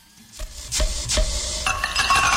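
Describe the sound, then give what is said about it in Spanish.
A beer bottle cap pops off at a fair: a couple of sharp glassy clinks followed by a steady fizzing hiss, with no voices. “Ese sonido es el que destapa así.”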